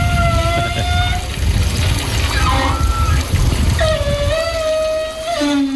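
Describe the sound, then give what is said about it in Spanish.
Water rushes steadily through a pipe, with air whistling in wavering, high-pitched tones over a continuous hiss and low rumble, fairly loud, with no voices. “Es una ducha o una tubería, hay agua cayendo y se cuela el aire, ¿no?”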